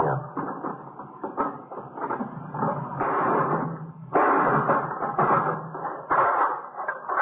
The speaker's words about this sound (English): Do you know where the key is for the lock? No. Guess it happened. Give me that hammer. Yeah. You gonna break the lock?